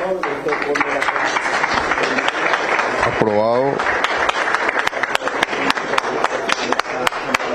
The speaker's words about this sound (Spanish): Aplausos por parte de los socios.